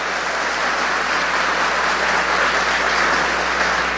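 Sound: audience applauding loudly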